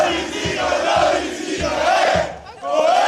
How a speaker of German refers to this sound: Die Halberstädter Fans feierten ihr Team minutenlang nach dem Abpfiff.